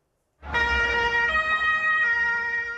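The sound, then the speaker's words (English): Police vehicles rush past partygoers at a Pride event near the Brandenburg Gate in Berlin, a loud emergency siren wailing, its harmonic tones stepping between pitches over a low rumble of passing vehicle engine noise, with no voices present. “Police rushing past partygoers moments after a car ploughed into a crowd at Berlin's Pride event close to the Brandenburg Gate.”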